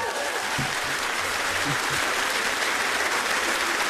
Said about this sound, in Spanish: No, pues le damos un fuerte aplauso.